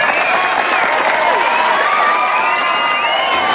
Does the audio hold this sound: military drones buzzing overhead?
no